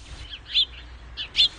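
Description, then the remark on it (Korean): Birds chirp outside a temple, among lush flowers and trees, in a few short, high bursts spaced across the moment, fairly clear against a soft, low background hum. “절 밖에는 새소리가 들려왔고 꽃과 나무가 무성했다.”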